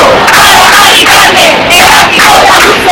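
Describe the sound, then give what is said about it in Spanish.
A protest crowd of about 10,000 people in Madrid, Spain, shaking their keys in front of a penthouse bought by the Comunidad de Madrid government, keeps up a loud, continuous din of jangling keys, with shouting and chant-like voices rising and falling throughout. “10.000 personas, según la delegación del gobierno en Madrid, agitando sus llaves en modo de protesta frente a ese ático de la Comunidad de Madrid.”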